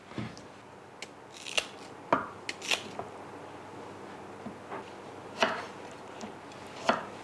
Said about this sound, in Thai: มะม่วงก็ถ้าเกิดว่าเป็นมะม่วงมันเนี่ยค่ะก็เฉาะใส่ได้เลย